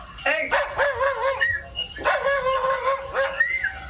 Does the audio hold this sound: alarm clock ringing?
no